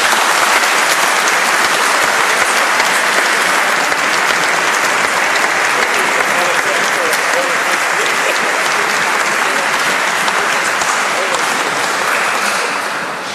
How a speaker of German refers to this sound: Ich weiß schon, dass er das nicht will, aber ich denke, ein kräftiger Applaus wäre hier an der Stelle angebracht.